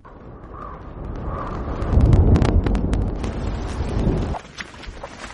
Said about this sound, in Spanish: Al principio del clip vamos a oír un valle, se oirán truenos a lo lejos y se oirá una lluvia.